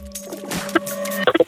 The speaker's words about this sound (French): Il est malade le klaxon ici. Ah bah j'allais dire. c'est un klaxon de canard.